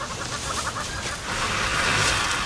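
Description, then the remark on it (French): A Komodo dragon gives a long, breathy hiss that swells partway through and holds steady, over a continuous bed of background noise with faint chirping, in tropical wooded savanna in Indonesia. “Oh, un sifflement. Celui-ci est caractéristique d'un véritable monstre, le varan de Komodo.”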